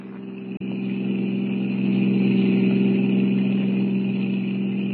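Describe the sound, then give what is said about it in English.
A car engine drones loudly and steadily as it travels on a highway at 90, with a brief dip near the start and no voices. “We're doing 90. This crate sure can travel.”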